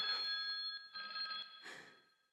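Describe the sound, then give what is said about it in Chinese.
A telephone rings in clear repeated bursts with a call from the village head, a steady electronic trill pulsing about three times, fairly loud with no voices over it. “电话来了。”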